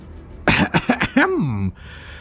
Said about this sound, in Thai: ตะเกิ้นหันมาสบตาศักดิ์ก่อนที่จะกระแอมกระไอแล้วก็เอ่ยขึ้นอีกครั้ง